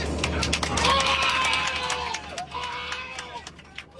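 A crowd of passengers on board a plane cheers and shouts in celebration after the Knicks beat the Spurs in the NBA Finals, voices whooping and overlapping over a steady low engine hum, with scattered claps and yells throughout.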